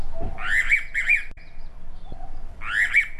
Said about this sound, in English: That is the sweet, sweet sound of the rainbow pitta.